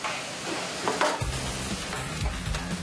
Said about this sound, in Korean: 참기름으로 바로 버무리려면 뜨거울 때 바로 버무려야 이게 골고루 잘 섞이거든요.